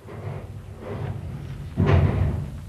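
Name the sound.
door being slammed shut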